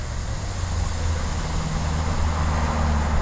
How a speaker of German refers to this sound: Ein paar hundert Meter weiter, am Kastanienwall, vor dem Pulverturm rauscht der Verkehr auf 4 Spuren vorbei.